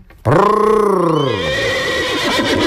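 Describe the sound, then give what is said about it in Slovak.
A horse gives a single loud neigh, a long whinny with a rising then falling pitch that trails into a rough, shaky end. “Zakričal najvyšší zbojník a chytil kupcovho koňa za úzdu.”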